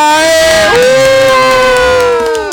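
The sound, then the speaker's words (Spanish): A loud crowd cheers and whoops in long, sustained shouts with sliding pitch, filling all two and a half seconds, welcoming a DJ on a radio programme at 6:03 in the evening. Scattered clapping may sit faintly beneath the roar. “6 de la tarde con 3 minutos y recibimos con fuertes aplausos a ….”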